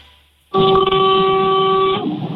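A small car horn gives one steady honk of about a second and a half, a flat, buzzy mid-pitched tone that starts abruptly and cuts off cleanly, with no talking over it.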